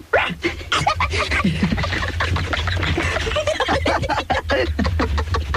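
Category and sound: vocal imitation, people imitating dogs barking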